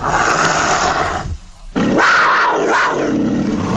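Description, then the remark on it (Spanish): A loud, harsh leopard growl rumbles in two rough bursts separated by a short pause, the second rising into a snarling roar with throaty, grating texture. “Él dice, «El leopardo está a la espera, cerca de sus pueblos, para devorar a cualquiera que salga».”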